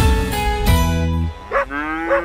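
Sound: cattle mooing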